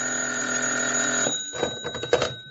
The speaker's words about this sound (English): Then the phone rang, and I found out.